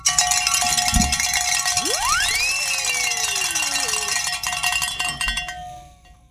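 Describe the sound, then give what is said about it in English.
Bells ring continuously in a dense, clanging wash for about six seconds, with a sliding tone sweeping upward partway through before the ringing thins out at the end. “It's not even 4:45, and we got to ring some bells.”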